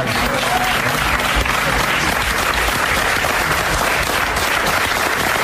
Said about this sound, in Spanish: todas las personas que estaban allí dentro, porque había hasta una especie de audiencia allí, ¿sabes?, de compañeros y compañeras, pues le aplaudieron